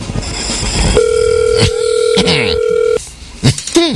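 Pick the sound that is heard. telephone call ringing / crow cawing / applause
telephone call ringing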